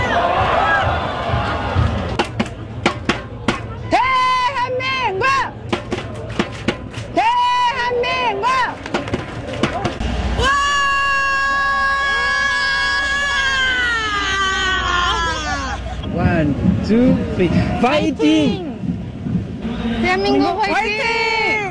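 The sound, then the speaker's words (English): A crowd of French fans of South Korea in Seoul screams and shouts excitedly, with high, sustained wailing cries rising over a dense babble of voices, loud and continuous throughout. “That was mainly screaming, but it gives us a sense of the passion, I guess, and the global impact of the game as well.”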